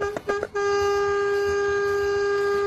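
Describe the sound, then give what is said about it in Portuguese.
A loud vehicle horn on the road blares in a few quick stuttering bursts, then locks into one long, sustained honk of four to five seconds that continues steadily to the end, piercing. “Aê, misericórdia, esse povo quer matar os outros, é de susto na estrada, não é possível, essa buzina aí, você vê 4, 5 segundos buzinando, imagina alguém que tá passando na frente ali, rapaz, toma um susto danado, brinca assim não.”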